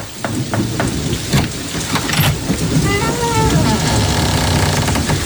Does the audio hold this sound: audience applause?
no